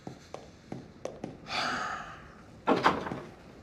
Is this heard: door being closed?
yes